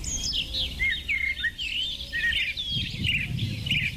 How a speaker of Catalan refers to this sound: Exacte, ocells com aquests, Ara tots sabem que efectivament estem escoltant ocells, Ocells que canten, però quins són aquests ocells? Pot ser un morgot de matinada o és un rossinyol?